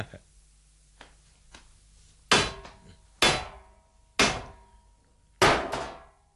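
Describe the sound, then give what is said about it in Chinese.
Four loud, hard knocks with a stone on the small, low door of a walled death-row prison, unevenly spaced, each with a short ringing decay, after a few faint taps at the start. “呢度有嚿石头，同佢执起佢嚟敲门先。”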